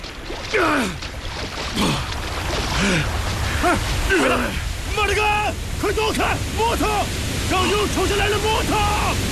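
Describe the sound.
A loud, steady roar of rushing river floodwater fills the whole stretch, unbroken, while several voices call out and shout warnings over the churning river as logs wash down from upstream.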